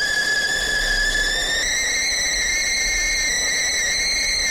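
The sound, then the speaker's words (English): A kettle being boiled for a cup of tea whistles loudly and steadily, a shrill sustained tone with bright harmonics that rises slightly in pitch partway through, over a low rumbling hiss. “It's one heck of a whistle there.”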